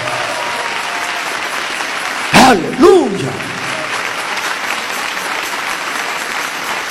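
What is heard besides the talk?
audience applauding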